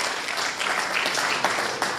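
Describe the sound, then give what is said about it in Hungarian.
An audience applauds, a dense, steady wash of many hands clapping at once with no single claps standing out, holding at an even level throughout. “És akkor ugye annak idején, taps jár.”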